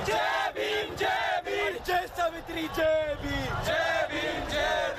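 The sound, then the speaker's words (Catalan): A large crowd of protesters, thousands of young people in the streets of New Delhi, India, shouts and chants in loud, overlapping voices, demanding an end to corruption in the education system. Rhythmic bursts of yelling rise and fall continuously throughout. “I aquests crits de protesta ens arriben de l'Índia.”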